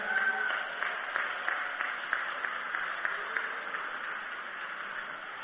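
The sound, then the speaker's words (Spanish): A crowd claps steadily for several seconds for the collaborators of a radio station, a dense, even patter of many hands that holds at a moderate level throughout without fading. “un aplauso fuerte a ellos.”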